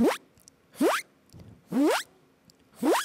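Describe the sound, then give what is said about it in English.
A voice imitates a zipper closing, making four quick rising zip sounds at a steady pace with short pauses between them, fairly loud. “So I'll try the zipper sound.”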